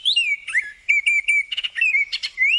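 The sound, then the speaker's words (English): An oriole sings a series of clear, fluty whistled phrases, rich and slurred, with short pauses between them, fairly loud with no talking over it, at Colonel Samuel Smith Park in Etobicoke, Toronto, during the annual Spring Bird Festival. “That would be the oriole.”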